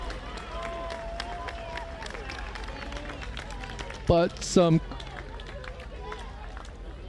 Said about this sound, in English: clapping and cheers from the Stanford squad looking to get Stanford motivated.